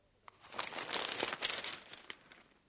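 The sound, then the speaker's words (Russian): Crisp, crackly rustling of newspaper pages being handled and folded as an actor reads a newspaper in a scene of a play, a steady run of dry crinkles with a few sharper snaps, with no voices. “Возьмем твою сцену, когда ты читаешь газету.”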